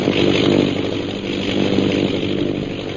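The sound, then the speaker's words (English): An airplane circling overhead, its engine a steady, buzzing drone with a rough low hum and a thin high whine, holding at an even loudness throughout with no voices. “Several hours later, the sound of an airplane circling overhead brings Peter Hawkins and Shanghai Lil to the window of their cell.”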